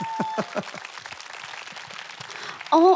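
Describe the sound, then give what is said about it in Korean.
An audience at the lawn plaza of the Lee Ungno Art Museum applauds after a performance with dense, crisp clapping that stays steady for a few seconds. A brief tonal chime or sung note cuts in at the very end. “다시 한번 박수 주십시오.”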